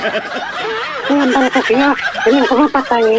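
A chicken clucks in a rapid, uneven string of short throaty calls that continues loudly throughout, with no talking over it.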